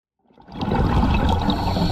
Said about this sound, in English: You and I hear a diver breathing underwater, but the diver in this coral reef in the Maldives is hearing something we can't.